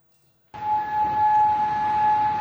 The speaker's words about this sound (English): Well, after those U.S. strikes on Iran, air raid sirens were heard in Kuwait and Bahrain. The Kuwaiti army says its defenses have been confronting missile and drone attacks.